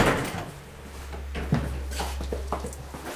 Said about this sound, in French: Là, on est du côté français. Oui. On va franchir la porte. Alors, première porte. Donc, du sas, la deuxième porte, et là on est toujours en France.